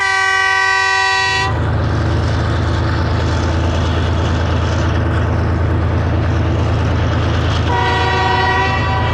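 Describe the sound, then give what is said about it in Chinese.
A loud, sustained train whistle sounds on the Yunnan-Vietnam Railway in Yunnan, then gives way to the heavy rumble and clatter of a passing train; near the end the whistle returns over the steady roar. “火车一路上的汽笛声，让世人感慨这直上云霄的伟大力量，也感受到人们相濡以沫的温情。”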